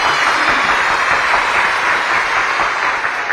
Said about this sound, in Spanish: Para todos ustedes, muchísimas gracias y felicidades. Un aplauso para todos ustedes, cómo no.